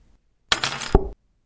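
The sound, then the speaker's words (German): A key drops with a bright metallic clatter and skitters briefly across a parquet floor, sliding into a gap between the parquet boards; a short, fairly loud jangle lasting well under a second, with no one speaking. “Dort ist er entlang geschlittert und in der Ritze im Parkett versunken.”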